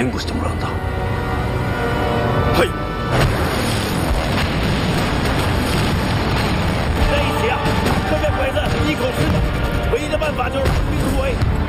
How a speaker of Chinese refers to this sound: 报告，听见枪炮声了，您是部队主力，组织部队突围。